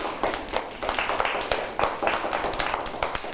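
A burst of applause from a group of children for a fellow's artwork, many hands clapping in a dense, steady patter that stays fairly loud for a few seconds.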